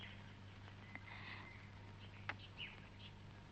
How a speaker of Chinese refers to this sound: 是我养的小鸟。去维也纳以前不是把他们都放走了吗？ 可他们又回来了，因为他们舍不得离开这儿。